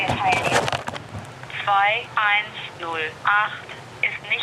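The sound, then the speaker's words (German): A telephone call to the town administration in Bochum, Germany rings over and over with no answer, several warbling ring bursts at a steady pace, clear, after a brief stretch of rustling noise at the start. “Wer sich die Akten erklären lassen will, muss sich vorher telefonisch anmelden.”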